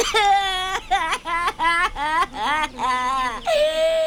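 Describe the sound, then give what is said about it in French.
A voice imitating a little crocodile crying: loud, high-pitched wailing sobs in several rising and falling bursts with short catches of breath between them, ending on a long drawn-out wail. “Oh non, petit croco, non, je t'en prie, ne pleure pas.”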